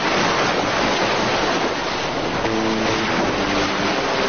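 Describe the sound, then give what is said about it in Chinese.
Ocean waves and wind make a loud, continuous roar that fills the whole clip, with a faint steady hum joining partway through. No one speaks. “大海无边无际，变幻莫测，人们迎风踏浪，以鱼为生。”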